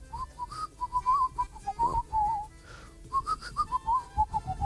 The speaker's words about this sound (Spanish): Uno, yo silbo mal, adivine y se ganan algo. Adivine qué tema, no lo van a sacar nunca.